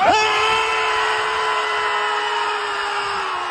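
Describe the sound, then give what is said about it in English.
A group of people scream together in one loud, sustained, high-pitched cry, held steadily for a few seconds with no talking, letting it all out at full power on a count of three. “Okay, so we don't have an ocean near us, but maybe find a lake, go do some screaming.”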